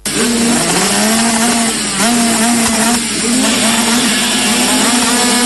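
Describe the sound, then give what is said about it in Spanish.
Loud, continuous roar of enduro motorcycle engines with a steady droning pitch that rises and dips slightly, with no voices over it, at an enduro cross championship at the La Tijereta MX circuit in Nogoyá, Entre Ríos. “Este 11 y 12 de julio vuelve el rugir de los motores a Nogoyá.”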